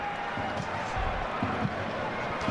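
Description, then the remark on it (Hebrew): Fans cheer at a basketball game of the Israel national team, a steady wash of crowd voices including about six or seven girls with Israeli flags cheering for the team, with faint thumps of a ball bouncing on the court underneath, fairly loud and continuous throughout. “הנה עכשיו הקולות שמשמעים זה חבר'ה עם דגל ישראל, בנות נחמדות שהגיעו לעודד, יש שם משהו כמו, אני יודע, 6-7 בנות שמעודדות את הנבחרת עם הדגלים, שמעתם אותם”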